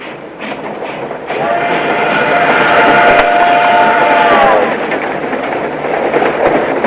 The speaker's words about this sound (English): The train leaves the station.